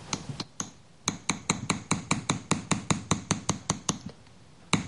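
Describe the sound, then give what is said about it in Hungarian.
A small hammer taps steadily on a metal chasing tool, smoothing the hammered surface of an acanthus leaf ornament, a quick run of sharp, bright clicks at an even rhythm with a brief pause, with no voices. “Itt látható, hogy a baloldali akantuszlevélcsokor már szép fényes lett kalapálva némelyik része, a jobb oldalon viszont még sokkal szaggatottabb.”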